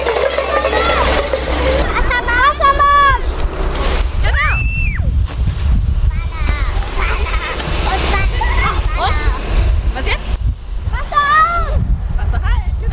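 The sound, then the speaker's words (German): A steady, rushing spray of water from a fire hose roars loudly throughout, with excited high-pitched children's voices calling out over it, as preschool children turn on a second hose line during fire safety education at a kindergarten in Weißenborn. “Genau, zweites Rohr Wassermarsch. Ne? Und jetzt aufdrehen.”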